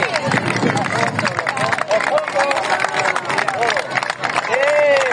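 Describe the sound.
A large outdoor crowd, a human chain of people embracing the Mar Menor lagoon, claps and cheers loudly, dense applause mixed with shouting voices, steady and sustained throughout.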